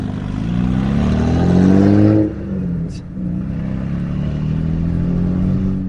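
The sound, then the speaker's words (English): The loud V8 engine of an Australian GTS car in Carmine Red revs up in a rising, throaty roar for about two seconds, then drops off and settles into a steady, deep rumble with no talking. “The Aussies love a V8, and this car has turned heads everywhere it's gone, not just because it's in the GTS Carmine Red, but also because of the noise it makes.”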